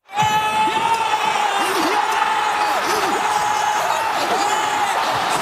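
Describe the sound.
A large crowd of Norwegian fans at a big-screen viewing event in Oslo erupts in cheers for a goal, a loud, sustained roar of shouting voices that holds steady for several seconds with high whoops and cries mixed in.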